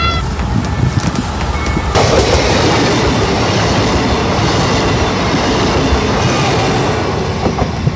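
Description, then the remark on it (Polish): A train rumbles loudly past a railway level crossing in Katowice, Poland, a steady roar of wheels and rattling wagons filling the whole stretch, with a faint high tone fading early on and no voices. “Akcję w ramach kampanii Z bliska przy przejeździe kolejowym w Katowicach obserwował nasz reporter”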